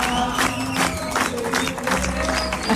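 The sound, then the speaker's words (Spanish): A cinema audience applauds steadily at the end of a film while voices chant together in a loud, rhythmic group song to the screen, the clapping and singing blending into a continuous roar of cheering. “Y la gente ahí empieza con los aplausos, los cantitos.”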